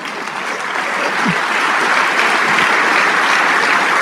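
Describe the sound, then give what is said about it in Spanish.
A church audience applauds for God, the King of Kings, steadily, a dense, continuous wash of many hands clapping that holds at a strong, even level for the whole stretch, with no voices standing out. “Y ese aplauso es para el Rey de Reyes.”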